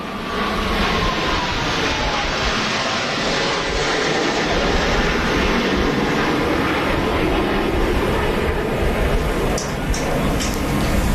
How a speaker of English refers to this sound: the planes flying overhead, and I'll stop yammering here for a moment as we watch those planes fly by. This is pretty amazing, just how low they are to the water. You can hear the crowds cheering as well.